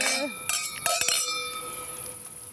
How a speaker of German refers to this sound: Genau, eine Riesling-Spätlese hier von der Mosel, auch von 2018. Dankeschön. Dankeschön. Ja, da also darauf sagen, würde ich mal anstoßen. Ja. Zum Wohl. Zum Wohl.